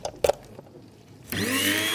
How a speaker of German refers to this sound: Und dann hier noch meine elektrische Kaffeemühle. Damit mahle ich immer meine Kaffeebohnen klein. Stecker rein.